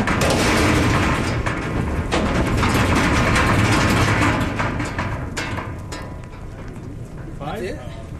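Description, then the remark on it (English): A dense rush of heavy buffalo hooves clattering and thudding as new buffalo run one by one out of a wide trailer into a corral, mixed with a low engine rumble and a steady roar that eases slightly near the end. “And one by one, the new animals come running out.”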